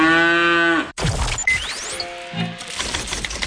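A cow lets out one long, loud, droning moo lasting about a second, then it cuts off abruptly and a jumble of clattering noises follows.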